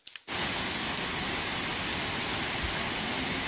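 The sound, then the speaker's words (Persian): A river in Kapisa province, Afghanistan, roars in a steady, dense, loud rush of water, starting abruptly after a brief quiet moment and continuing unbroken with no voices. “آب ها جاری اند و صدای خروشان رودخانه ها برای مردم افغانستان نشانی از سال نیکو و پرحاصل است.”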